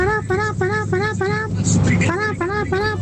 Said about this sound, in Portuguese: Gente, buzinaço. Por favor. Vamos buzinar que dá tempo ainda. Dá tempo. Quero você buzinando. Motorista de ônibus.